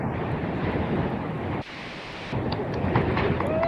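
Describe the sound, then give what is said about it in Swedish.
Loud, steady wind buffeting a phone microphone on windy Hönö in the archipelago, the phone lying in a rock crevice; a constant rumbling roar with a brief shift in tone midway, no voices heard. “Jag hör mest blåst.”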